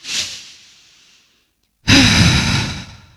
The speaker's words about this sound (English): In fact, let's just take one of those big, deep breaths right now.